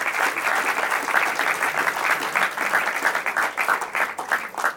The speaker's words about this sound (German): Ein großer Applaus trotzdem für unsere beiden Finalisten.